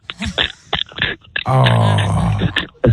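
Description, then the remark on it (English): A voice imitates the throat-scratching noise a girlfriend with bad allergies makes: a few short, rough guttural bursts, then a loud, sustained raspy groan lasting about a second, ending with a brief catch. “So she does this thing where she says she's scratching her throat, and she makes this noise like...”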